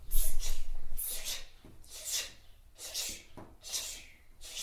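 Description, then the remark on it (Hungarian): During lip and tongue exercises, a voice imitates a dripping tap with a series of about six short, breathy, hissing puffs repeated at a slow, fairly steady rhythm, with no spoken words. “Csöpögős csap.”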